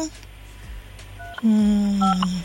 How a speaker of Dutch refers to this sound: Ja, de telefoon gaat over. Dat is al het halve werk natuurlijk.